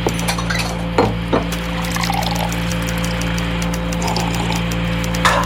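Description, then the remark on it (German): Coffee pours steadily into a cup for several seconds, a soft continuous splashing, with a couple of sharp ceramic clinks near the start and a constant low electrical hum underneath. “Ich werde noch mal eine Tasse Kaffee trinken.”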